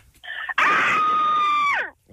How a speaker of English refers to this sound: Ooh. Everyone sounds like there's more than one person screaming.